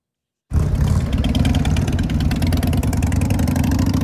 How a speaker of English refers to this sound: stopped by this year's block party during a freestyle motorcycle stunt show